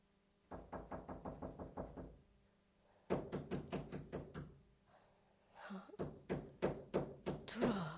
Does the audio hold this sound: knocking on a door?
yes